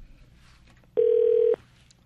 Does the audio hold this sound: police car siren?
no